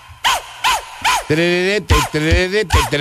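An upbeat dance track with repeated sharp dog barks on the beat, interleaved with a sustained vocal-like tone, lively and loud throughout.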